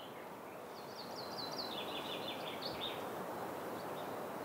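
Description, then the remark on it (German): Faint birdsong in the early morning, a few quick chirping phrases trilling over a steady, broad outdoor hiss in a Finnish island archipelago, with no one speaking. “Außer mir und den Vögeln ist offenbar noch keiner wach.”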